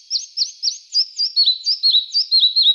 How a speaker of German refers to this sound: Ja, so klang er, der Zwergschnäpper, der Vogel der Woche, auf der Rabeninsel. Schwer zu sehen, weil er ist ja so klein.